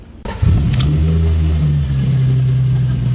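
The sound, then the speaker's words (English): The engine of an old BMW 325iS, known as the Gusheshe, roars to life after a split second of quiet, revving up and then holding a loud, deep, steady growl, with no one talking. “That is the old Gusheshe.”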